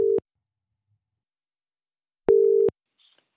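A telephone ringback tone: a steady mid-pitched beep cut short at the start, then another short beep about two seconds later, with silence between and a faint click at the end.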